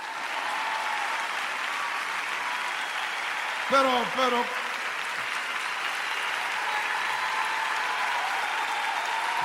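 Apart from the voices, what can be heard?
audience applauding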